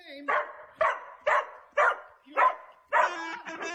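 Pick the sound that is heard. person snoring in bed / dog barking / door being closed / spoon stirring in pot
dog barking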